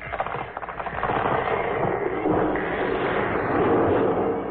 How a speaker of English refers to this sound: There now. Your mother has knocked down the big tree.